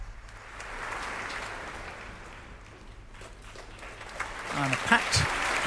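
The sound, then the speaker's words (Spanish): A large audience in the Royal Albert Hall claps steadily to welcome Duncan Riddle, concertmaster of the Royal Philharmonic Orchestra, a dense, sustained, reverberant wash of applause that swells slightly toward the end, with a few faint tonal sounds near the close. “Sonaban los aplausos para recibir al concertino de la Royal Philharmonic Orchestra, Duncan Riddle.”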